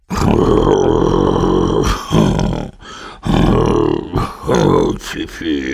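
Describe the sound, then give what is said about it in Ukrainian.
A voice imitates how Uncle Julius and Mr. Tsap snore: a long, loud rasping, rumbling snore followed by several shorter snorting grunts in an uneven rhythm, with no spoken words. “Тоді показав малому, як дядько Юліус і пана Цап хропуть.”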